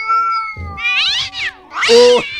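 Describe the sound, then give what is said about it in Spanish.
A voice imitates a chicken meowing like a cat instead of crowing, letting out a few drawn-out, wavering meows that rise and fall in pitch, ending with a louder, strained yowl. No other talking. “Yo siento que ese pollo, en vez de hacerle kikiriki, le hacía wow. Yo siento que el pollo le hacía así, ¿ves?”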